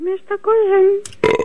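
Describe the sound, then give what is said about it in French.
A loud burp comes in a few short croaks, then stretches into one long rumbling belch, and is cut off by a sudden burst of noisy voices. “Ah, mais il rote seulement, il pète pas.”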